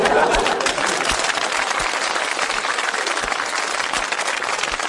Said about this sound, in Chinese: 你说观众不给你鼓掌吧，手已经伸出来了；给你鼓掌吧，心里不情愿。嗯，得了，鼓两下吧。